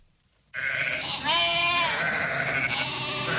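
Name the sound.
sheep bleating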